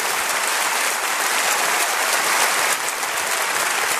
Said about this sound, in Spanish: Denle un aplauso a Jesucristo, por favor. Gracias, Señor.